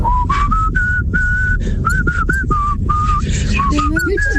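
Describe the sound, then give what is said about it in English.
A person whistles a simple melody, a run of clear sustained notes with short breaks between them, breathy and slightly airy, over a steady low rumbling background. “I'll practice that for the next Flak, because I could do the whistling and you could do the brush dance alongside.”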